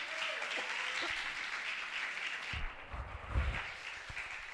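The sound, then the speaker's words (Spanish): A church audience claps steadily during a Spanish-language sermon, applauding the Lord. A dense wash of many hands, with a few low thumps and scattered shouts rising midway, before the applause carries on. “Dele un aplauso al Señor, hombre.”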